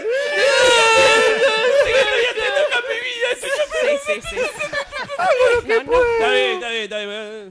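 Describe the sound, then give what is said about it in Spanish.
A person imitates whimpering, sobbing crying, with a wavering, quavering voice that rises and breaks in uneven sobs for several seconds, loud. “Vamos redondeando este llantito, sí, por favor.”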